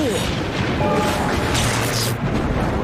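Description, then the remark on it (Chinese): A heavy, sustained boom of thunder from a storm over Adventure Bay rolls through the whole clip, a loud, dense rumble with a rough, noisy texture and no separate sharp cracks. “这场暴风雨害得冒险湾的电力都中断了”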